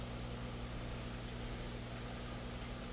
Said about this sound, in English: Listen to my car.